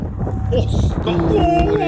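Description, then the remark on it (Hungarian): Wind rushes and buffets against a microphone during a paragliding flight in a steady, loud low rumble throughout, with faint tonal voice-like sounds drifting through the noise. “Ez a szél.”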